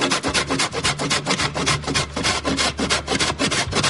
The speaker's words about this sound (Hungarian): A grill csirke mellett nagyon apró kockára összevágtam, a banánt egy villával apróra összetörtem, és ezt a kettőt elkezdtem összekeverni.